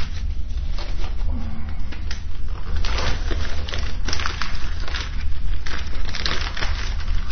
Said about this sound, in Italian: Infatti io adesso aggiungerò un bel pezzo di legna. Se ci riesco, no, un po' troppo grosso, devo spaccarlo un po', sempre a calci, mi raccomando. Ecco fatto. Come dice il proverbio, aggiungere legno al fuoco.